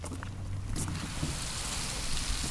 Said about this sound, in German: Ein regnerischer Abend in Stuttgart-Freiberg. In der Dämmerung tropft der Regen von den hohen Bäumen.